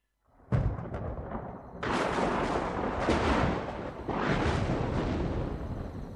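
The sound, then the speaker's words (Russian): A night thunderstorm sounding from beyond the forest and beyond the farm: thunder rumbles in heavy, rolling waves, with several loud cracking booms at the start of each surge that blend into a long, continuous roar. No voices are heard. “К ночи расплясалась гроза. То где-то за лесом притопнет, то за фермой.”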